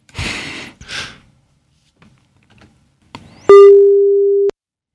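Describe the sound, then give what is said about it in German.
A studio telephone ringback tone sounds once while placing a call for a live conversation, a steady mid-pitched beep lasting about a second that starts and stops abruptly, after a few breathy exhales and soft clicks. “Immerhin klingelt es. Das ist toll.”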